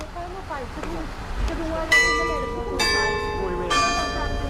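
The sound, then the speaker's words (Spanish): Church bells ring out in three loud, evenly spaced strikes, each tone lingering and overlapping the next, while a person speaks faintly in the background at the start. “Las campanas han formado parte fundamental del ciclo de la vida de la sociedad y su uso ha estado vinculado tanto a actividades”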